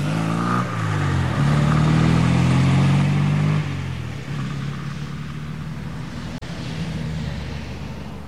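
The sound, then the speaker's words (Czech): A car engine revs hard, its pitch climbing and wavering for a few seconds, then eases into a steadier, quieter drone as the vehicle, with a policeman in the front passenger seat, pulls away toward the motorway. No voices are heard. “Jenom přikývl a pak už si zase sedl vedle řidiče a otvrčeli směr dálnice.”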